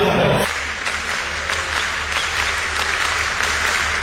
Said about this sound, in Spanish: Así estaban aplaudiendo los chilenos, al son de la cueca.